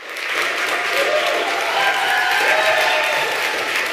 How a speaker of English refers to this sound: Nobelkomiteen hadde visst ikke fått tak i Navi Pillay ennå da de offentliggjorde nyheten, for hun på en menneskerettighetskonferanse i Nürnberg i Tyskland, men der fikk hun stor applaus da nyheten ble kjent.